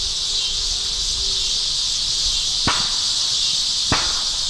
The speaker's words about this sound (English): Those are gunshots.